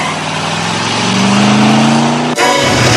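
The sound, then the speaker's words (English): A car engine revs up loudly with a rising pitch as the car pulls out of its parking spot, then abruptly shifts to a broader roar as it peels off and accelerates away hard. “watches Kaneki pull out of his spot and peel off”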